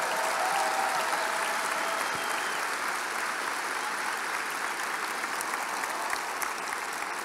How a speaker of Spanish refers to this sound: Ah, yo creo que tú le puedes dar un mejor aplauso a Jesús.